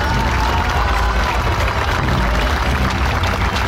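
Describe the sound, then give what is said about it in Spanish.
A large audience claps loudly and steadily for a children's and youth orchestra from Huajuapan de León, Oaxaca, a dense wash of applause with crowd noise that holds at full volume for several seconds without a break. “Y bueno, ay Dios mío, otro aplauso más grande, por favor.”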